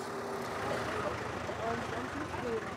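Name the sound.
vehicle driving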